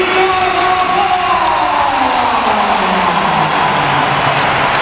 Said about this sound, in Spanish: Esto es un aplauso. Bueno, y sin música de fondo también, que eso también influye.